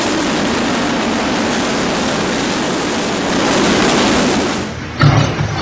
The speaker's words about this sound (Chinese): 下午5点，直升机再次飞抵核心区。不同的是，这次飞机下方有绳索和吊篮。下午5点半，一切就绪后，直升机从核心区起飞，飞往吉隆镇。